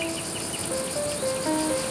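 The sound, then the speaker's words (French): A cicada singing with its cymbals, a steady, shrill buzzing that drones on without pause, fairly loud, with faint tonal whistles drifting in and out underneath. “La température est très importante pour la cigale. En dessous de 22 degrés, ses cymbales perdent”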